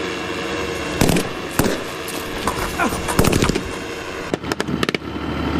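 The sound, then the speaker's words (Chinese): Sharp gunshots crack out irregularly during a military counter-terrorism exercise, as terrorists holding out in a target building open fire, single shots at first and then a quick cluster of bursts, loud over a steady rumbling background. “恐怖分子负隅顽抗，开枪射击，突击分队立即在无人机火力掩护下乘全地形突击车快速抵近目标建筑，突入室内实施抓捕。”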